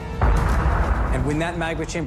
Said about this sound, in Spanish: La presión aumenta hasta que la superficie terrestre se agrieta. Y el volcán explota.